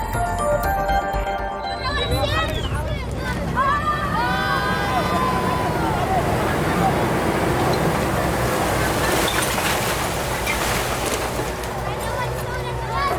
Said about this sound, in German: Ein klappriger Laster rollt an, wirbelt Asche auf, kippt seine stinkende Ladung auf einen Müllberg. Stadtrand von Aleppo, im Nordwesten Syriens.